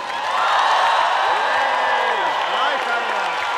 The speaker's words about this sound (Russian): Вам аплодисменты от вас самих же. Если это возможно, сделаем громко.